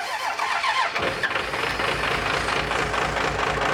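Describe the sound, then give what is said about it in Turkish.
A car engine catches and runs with a rough, throbbing low rumble after a brief hiss, holding steady and loud for a few seconds without talk as it is given gas. “Biraz gaz vereceğim.”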